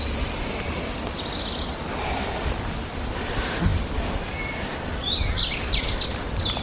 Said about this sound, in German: Wir dürfen auch den Vögeln lauschen.